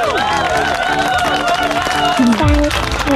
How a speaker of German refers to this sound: Oh, das ist ein richtig, richtig toller Erfolg. Das hier ist dein Applaus.